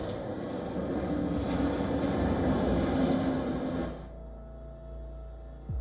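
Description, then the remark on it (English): A loud, steady fighter jet engine roar, broad and rushing, holds for about four seconds before abruptly dropping away to a quieter low rumble. “Behind closed doors, aerospace giants are fighting to shape the continent's next fighter aircraft.”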